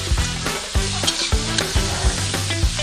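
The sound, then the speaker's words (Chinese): Pork intestines for the Shandong dish Jiuzhuan Dachang, fried golden in oil, are returned to the wok and stir-fried, with a steady sizzle and rhythmic metal spatula scrapes and clanks about twice a second. No voices. “过油炸至金黄，大肠回锅”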